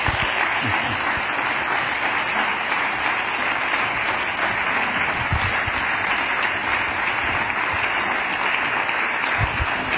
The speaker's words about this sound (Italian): Un applauso per la triada.